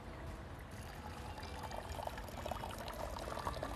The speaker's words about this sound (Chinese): 给大家倒在我们前面那个玻璃杯当中，给大家看一下我们的酒花和酒线啊。 对， 来，你倒下去啊。